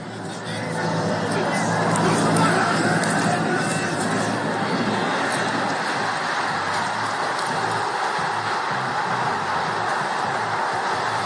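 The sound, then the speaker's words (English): A big stadium crowd at the Oregon vs. Boise State football game roars steadily and loudly for about eleven seconds, swelling during the first two seconds and then holding as a dense wash of cheering and voices. “Well, that run you're hearing in the crowd.”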